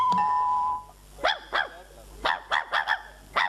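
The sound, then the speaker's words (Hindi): A dog barks in a quick run of about six or seven sharp barks, some in tight pairs, after a steady high tone fades at the start. “अरे ये कुत्ता, अरे अरे देखो तो, अरे कौन है, क्या हुआ?”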